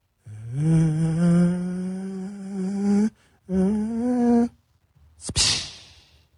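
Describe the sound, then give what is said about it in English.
A man's voice imitates an airplane in the distance as heard on a home surveillance camera: a steady, droning hum held for about three seconds, a shorter second drone, then a brief breathy, hissing burst at the end. “I'm going to do my best impression of what you can hear from that somebody's home surveillance camera.”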